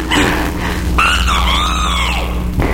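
A guinea fowl gives a loud, drawn-out cry that rises and then slides down in pitch, preceded by a brief harsh note, all over a steady low rumble.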